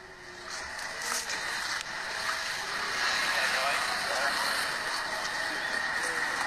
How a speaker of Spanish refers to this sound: Mira cómo circula las motos, motocar.